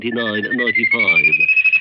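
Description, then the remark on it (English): A bird's thin, steady whistle glides slowly upward in pitch and runs unbroken from start to finish, clearly audible beneath a man's voice talking over it. “Blast that bird.”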